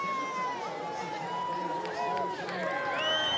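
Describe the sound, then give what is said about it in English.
A crowd cheers on a soapbox racer heading down towards the chicane, a steady, dense roar with higher-pitched yells and whistle-like cries rising over it. The noise stays loud throughout, with many voices mixed together. “Cheered on by the crowd, down towards the chicane.”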